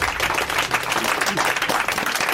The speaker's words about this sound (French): On peut l'applaudir. Bravo.